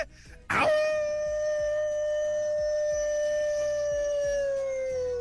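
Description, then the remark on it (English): A person imitates a wolf howl: one long, loud, steady tone held for several seconds before sliding slightly downward at the end, with a faint low rhythmic background underneath. “Kanti khona le wolf, ke tseba go disa wolf.”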